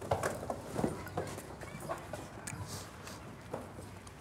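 Irregular scuffling of hooves on the ground, a flurry of thumps and scrapes as sheep are chased and caught nearby, with faint animal noises in the background and no talking.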